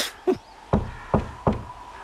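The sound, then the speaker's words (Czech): Four firm knocks on a wooden door, evenly spaced at a steady rhythm, clear with no voices. “Koukej, už jsme tady. Zaklepej.”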